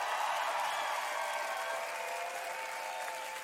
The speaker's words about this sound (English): Can we have a big round of applause for the girls, the choir?